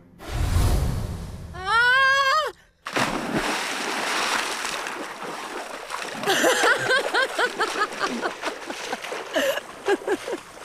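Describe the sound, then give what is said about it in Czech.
A heavy splash as someone lands in the water of a fountain, followed by several seconds of churning, sloshing water, with a few high squeaky cries over the splashing. “Jsem promočená. Do poslední nitky”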